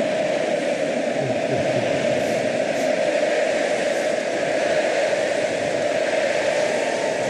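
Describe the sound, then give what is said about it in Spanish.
A stadium crowd roars in a sustained ovation, a dense, steady wall of cheering and applause that holds at a constant loud level throughout with no pauses. “Ovación del estadio.”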